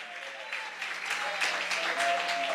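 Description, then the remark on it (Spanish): An audience applauding together in praise of the Lord during a sermon, a dense wash of clapping that swells slightly louder partway through and continues steadily, with faint tonal voices or sustained sounds underneath. “¿Puede dar un fuerte aplauso de alabanza al Señor en esta hora?”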